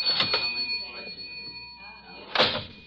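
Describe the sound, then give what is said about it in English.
A cash register clatters open: a couple of sharp mechanical clacks, a quieter pause with faint rattling, then another loud metallic clunk near the end, all over a thin steady ringing tone. “I got in the cash register.”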